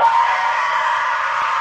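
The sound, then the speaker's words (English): A loud, sustained screeching cry held steadily for nearly two seconds, shrill and harsh like a prehistoric flying reptile's scream, produced by a voice imitating the creature rather than any real animal. “Okay, it's not a bird. That's a pterodactyl.”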